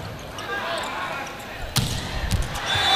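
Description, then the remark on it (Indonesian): An unstoppable volleyball spike smacks against a hard court floor, landing in position 5, followed by a second softer thud, over a steady hum of arena crowd noise and faint commentary-like voices. “Pukulan Ageng Wardoyo tidak terbendung, jatuh di posisi 5”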